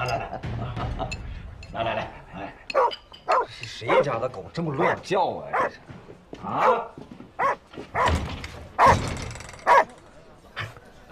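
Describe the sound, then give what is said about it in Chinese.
A hungry dog that has not eaten for days barks loudly and repeatedly in quick, irregular bursts, with some whimpering yelps mixed in and voices faintly underneath. “是谁家的狗这么乱叫啊？”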